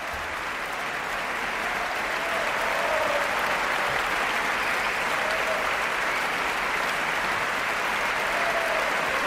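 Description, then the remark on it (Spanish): A concert audience gives a sustained ovation for the Orquesta Nacional de España and conductor David Afkan, dense, steady applause filling the whole stretch at an even loudness, a continuous wash of clapping with no music or voices. “Gran ovación para la Orquesta Nacional de España.”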